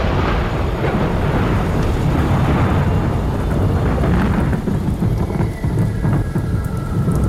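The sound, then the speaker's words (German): Heavy rain from a sudden cloudburst over a mountain ridge pours down steadily in a thick, loud wash, with deep rumbles of thunder rolling underneath throughout. No voices, just the full-on downpour of a storm. “Dann, wie aus dem Nichts, goss es wie aus Kübeln.”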